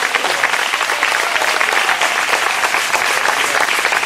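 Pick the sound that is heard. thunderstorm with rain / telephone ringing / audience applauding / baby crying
audience applauding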